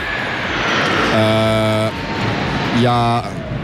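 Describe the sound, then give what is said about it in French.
A loud, steady roar of an airplane passing overhead fills the whole stretch, a broad rushing rumble, with two short bursts of a voice rising over it. “On est un petit peu perturbé parce qu'il y a un avion qui vient de passer au-dessus de notre tête. Évidemment, ça fait beaucoup de bruit.”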